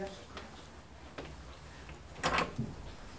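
A door is opened: a few faint clicks, then a louder rattling burst of latch and hinge noise, followed by a softer knock as it settles.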